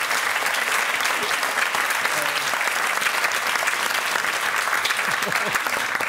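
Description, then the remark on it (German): A steady, dense applause sound effect of a sizable crowd, continuous clapping at an even loudness for about six seconds with faint voices mixed underneath. “Ich setze mir jetzt einen Applaus.”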